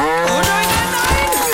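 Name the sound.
cow mooing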